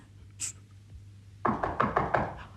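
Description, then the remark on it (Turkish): A quick series of about six firm knocks on a wooden door, evenly spaced, following a brief faint click; no one speaks. “Bu vakitte kim olur ki oğlum? Ama onlar olsa güm güm kapıyı kıracak gibi.”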